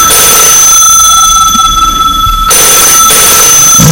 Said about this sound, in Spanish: ¿Teléfono?